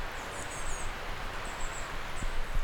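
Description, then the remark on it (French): Faint, high twittering from small birds under a clear blue sky just after fog has lifted, drifting over a steady outdoor hiss of wind and rustling leaves, the chirps recurring in short bursts throughout. “Grand ciel bleu, symphonie de lumière et de ces petits gazouillis d'oiseaux.”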